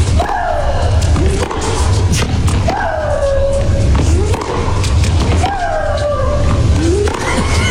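Tennis player Maria Sharapova gives three loud, high shrieking grunts as she exhales with each shot, each falling in pitch and paired with a thudding ball strike, spaced a few seconds apart over a steady background hiss.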